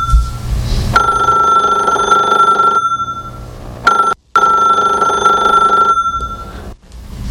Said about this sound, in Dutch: Oh, telefoon.